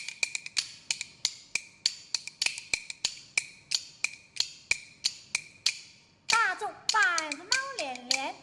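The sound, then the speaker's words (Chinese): Kuaiban bamboo clappers clack in a quick, steady, sharp rhythm for several seconds, played for a live audience, before a voice starts chanting over the continuing clacks near the end. “你能不能边打边让一团快板来分现场的观众听啊？”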